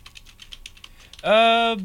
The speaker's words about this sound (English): I'm typing on the wrong computer.